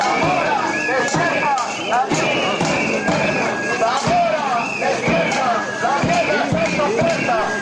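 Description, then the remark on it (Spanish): A protest crowd of about a hundred residents chants slogans such as 'Despierta, la mierda está en tu puerta' loudly and steadily, many voices overlapping in rhythmic shouts, with sharp percussive knocks or claps punctuating the chanting throughout. “con apenas un centenar de vecinos, otro centenar hoy, eso sí, que se han dejado escuchar.”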